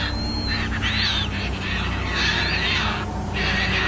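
A flock of birds calls to one another over water in the Netherlands in a dense, overlapping chorus of high squeaks and hissing notes, swelling in waves over a steady low rumble, with no one talking.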